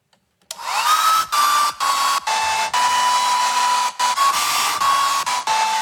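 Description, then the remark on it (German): A hair dryer blasts loudly and steadily, its whooshing airflow briefly cutting in and out, with a song mixed in faintly under the noise. “Und deswegen haben wir heute einen Song in einen Föhn verpackt.”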